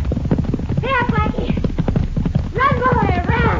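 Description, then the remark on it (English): Fast, steady galloping hoofbeats of racing horses pound loudly throughout, with two bursts of high, wavering horse whinnies rising above the drumming rhythm. “Is that a horse race, senorita?”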